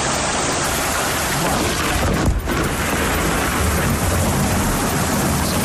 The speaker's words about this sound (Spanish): Tormenta aislada, muy concentrada en el mismo punto.